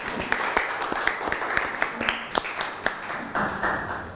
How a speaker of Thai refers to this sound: มีตัวแทนนักเรียนต้นทางพร้อมจะตอบคำถามนี้แล้วค่ะขอเสียงปรบมือให้ตัวแทนนักเรียนหน่อยค่ะ